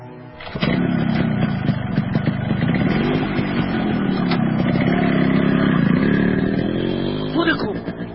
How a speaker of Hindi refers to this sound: वो देखो motorcycle start की उसने, देखो भगत सिंह, वो देखो।